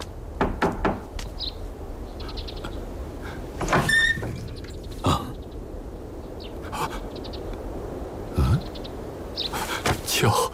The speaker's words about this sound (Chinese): 外面有人敲门，孩儿去看看。